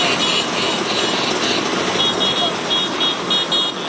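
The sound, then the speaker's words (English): Vespa scooter engines drone loudly and continuously, a dense buzzing rumble of several motors idling and revving together as thousands of scooter owners parade through Rome, Italy, celebrating the Vespa's 80 years, with indistinct crowd voices mixed underneath. “Thousands of scooter owners from around the world are parading through Rome.”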